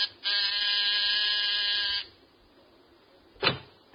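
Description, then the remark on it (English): A loud, harsh electric door buzzer outside an apartment is pressed at 10 o'clock, sounding in one steady blast of nearly two seconds, then cuts off; after a short pause comes a single sharp thud or click. “There's a pair of martinis and a good dinner under your belt at 10 o'clock as you press the buzzer outside his apartment.”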